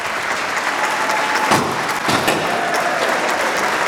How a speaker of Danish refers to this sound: Så er der slået rekord, og det er derfor, der er store klapsalver, konfettikanoner, der springes i baggrunden, og så videre, og så videre.